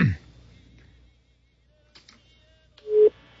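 A telephone ringback tone on an unanswered call to the man nicknamed 'héroe sin capa': after a quiet stretch with a few faint clicks, one steady electronic tone sounds loudly near the end, with no one talking.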